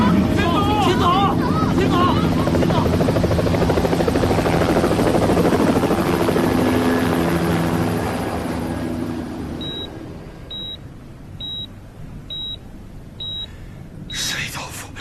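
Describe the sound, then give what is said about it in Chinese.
A loud, throbbing helicopter rotor fills the scene as a helicopter arrives, then gradually fades away, leaving a quieter background with a few evenly spaced electronic beeps. Voices can be heard over the noise. “哎，直升飞机来了！”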